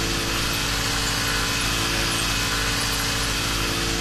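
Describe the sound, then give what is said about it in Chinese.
A small four-stroke engine on a grass-cutting machine, driving a blade mounted below it at around 3000 rpm to cut grass, runs steadily and loudly throughout, a continuous droning hum with a buzzy, rattling edge. No one speaks. “上面是一个四冲程的发动机，然后呢底下呢配的是这个割具，机具部分就是有一个刀片，然后这个在发动机的这个带动之下呢，它进行割草用的。”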